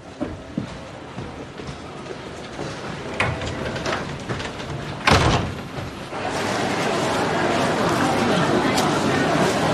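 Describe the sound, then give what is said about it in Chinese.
A door is pulled shut with a single solid thud midway through, set against a steady rain-like hiss and faint background murmur that grows slightly louder afterward. “改成150页以内的，关门。”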